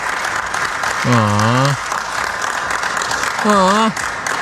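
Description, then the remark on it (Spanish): A crowd applauds steadily for the whole stretch, a dense wash of clapping, while two brief, sustained vocal calls rise above it, one early and one near the end. “Espérate, no aplaudan, espérense.”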